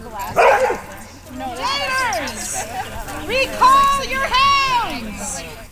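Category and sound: animal, dogs barking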